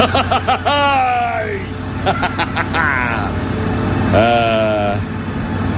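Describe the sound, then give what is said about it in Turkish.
A heavy truck engine revs up and down several times as the driver presses the accelerator on winding curves on the road to a town. Its whining pitch climbs and falls over a steady low rumble, fairly loud. “Bas oğlum Gerard gaza, bas. Bas da ağır gelmenin acısını çıkart.”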